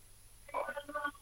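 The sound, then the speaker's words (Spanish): A telephone line connecting as a caller comes on the line: a brief burst of electronic, tonal phone sounds lasting under a second, fairly clear, over a faint steady hum. “Alguien está en el teléfono.”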